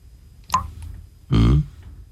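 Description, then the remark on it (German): A single wet drip lands, followed a moment later by a louder, fuller splat of a melting ice cream scoop hitting the floor, alone with no talking. “So hört sich's an, wenn die Eiskugel schmilzt und es tropft und tropft.”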